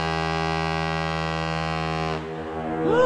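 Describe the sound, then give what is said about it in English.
A ship's horn blares one long, steady, deep blast full of buzzing harmonics for about two seconds, then breaks off into a rumbling wash of noise with a faint rising tone at the end. “That is a ship, my friend.”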